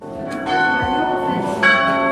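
Two large church bells ring together from the renovated monastery tower of the Abbey of Lérins, their strikes overlapping in a rich, sustained clang with long shimmering overtones, fairly loud.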